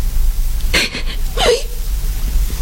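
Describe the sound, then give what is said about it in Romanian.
A woman sobbing, two short catching gasps, the second breaking into a brief whimper, over a steady low background hum. “plânge”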